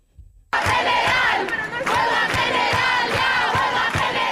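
A large crowd of protesters, who have surrounded the Congress since 11 a.m. and are heading back toward the Puerta del Sol, chants loudly in unison, many voices rising and falling together over a steady rhythmic pulse, bursting in abruptly after a brief quiet moment.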